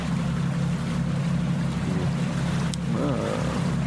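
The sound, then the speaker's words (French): A boat engine drones steadily on the water, a low continuous rumble filling the whole stretch, with faint splashing and brief tonal chirps near the end. “On entend un moteur, là, hein. Le moteur c'est interdit, là.”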